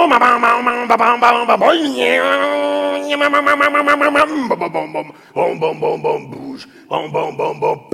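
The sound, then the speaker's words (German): A man's voice imitates a two-stroke chainsaw: a loud, buzzing drone that revs up in pitch, idles, then sputters in choppy rhythmic bursts before revving again. “Das war die Zweitakter-Kettensäge.”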